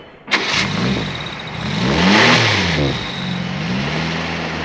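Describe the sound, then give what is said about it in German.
A car engine starts with a sharp crank, then revs up and down in rising and falling pitch sweeps as the vehicle pulls away, loud, with no talking. “Jesus, du, der Wagen.”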